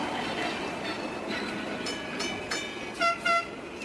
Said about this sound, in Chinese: 北京时间12点，叮叮车在拥挤的车流中慢悠悠地穿行。